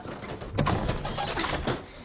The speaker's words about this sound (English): The drawer is stuck. It needs to dry out. So, it's an antique. Yeah, well, that storm aged it another 50 years.